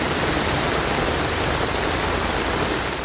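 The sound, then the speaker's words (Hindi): Heavy rain pours down in a steady, dense hiss that stays loud and unbroken throughout, with no voices or other sounds breaking through. It is a downpour in May that brings relief from the heat. “मई की तपिश में राहत की बौछार हो गई। झमाझम बारिश से धरती गुलजार हो गई।”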